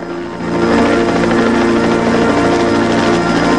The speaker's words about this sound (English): They gradually cease their march, stopping to stare at a clear white light gliding across the sky. Danny rushes over behind Mac and Gordon, staring up at the light. A helicopter with a spotlight whirs towards the beach, coming in for a landing.